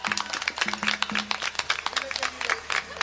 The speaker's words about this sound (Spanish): También, como ya se pudieron dar cuenta, por fin tenemos batería y congas, ¿eh? ¡Un aplauso para ellos!